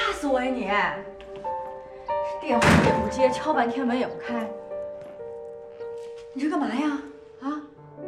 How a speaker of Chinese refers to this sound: 电话也不接，敲半天门也不开，你这干嘛呀？